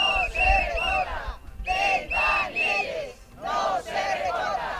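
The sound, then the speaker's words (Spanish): A crowd of teachers and union representatives chants the slogan "no se recorta Ventanielles" in unison at the gates of the IES Pérez de Ayala secondary school, protesting a shortage of teaching staff: three loud rhythmic bursts of massed voices separated by brief pauses, with strong harmonic shouting and a low rumble underneath. “Al grito de no se recorta Ventanielles y con múltiples pancartas, docentes y representantes sindicales han mostrado su preocupación por las carencias de profesorado que registra este Instituto Betense de Educación Secundaria.”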